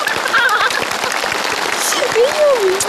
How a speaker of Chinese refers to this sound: 大家都在给你鼓掌